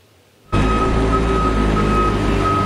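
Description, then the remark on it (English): After a brief quiet moment, loud construction machinery starts up abruptly in the streets of Lytton during the village's rebuild: a heavy, steady engine drone with a sustained high-pitched reversing warning tone riding over it, and no voices. “While barren lots are still littered throughout town, the dull hum of construction echoes throughout the streets of Lytton.”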